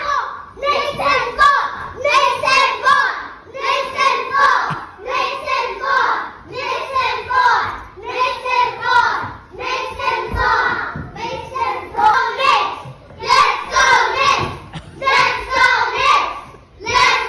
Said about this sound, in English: Our kids are all cheering about the Knicks. So here's the play of the day. Here's what went on in this classroom earlier today.